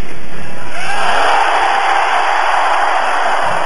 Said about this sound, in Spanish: Es como si yo les dijera a ustedes: cállense por unos minutos, como si yo les dijera en estos momentos: cállense por unos minutos, y cuando yo levante la mano todo el mundo grita.